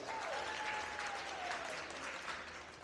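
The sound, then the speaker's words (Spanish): A crowd applauds steadily for a woman honoured by the neighbourhood councils of the municipality of Esperanza, a dense, even clatter of many hands clapping that holds its level throughout, with a faint whistle-like tone gliding downward in the background early on. “Un aplauso.”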